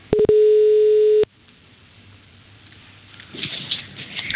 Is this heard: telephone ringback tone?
yes